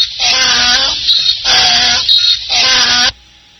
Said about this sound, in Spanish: Oye, un burro. Sí.